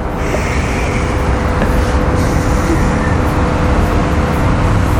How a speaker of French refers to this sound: Le frottement de. De l'air et des voitures.